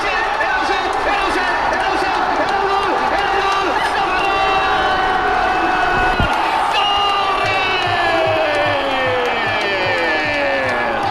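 A dense roar of crowd cheering after Ferran Torres's valid goal in a match against Argentina, loud and sustained throughout with overlapping shouts and whoops, swelling around the middle before continuing at full volume.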